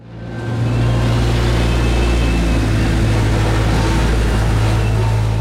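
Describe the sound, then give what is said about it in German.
The heavy diesel engines of excavators driving through a construction site drone steadily, a deep rumbling hum swelling in at the start and holding loud and continuous, with no voices. “Ringsum hat es Baustellengeländer und Löcher im Boden, ständig fahren Bagger durch, es hämmert und dröhnt die ganze Zeit.”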